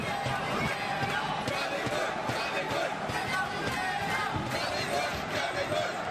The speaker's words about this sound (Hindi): बार बार stadium Pullela Pullela jolly good के नारों से गूंजता।